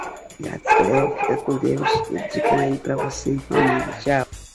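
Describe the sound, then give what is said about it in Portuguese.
A dog barks and growls loudly, its harsh voice mixed in with people talking over it throughout. “Ó o cachorro, segura o cachorro”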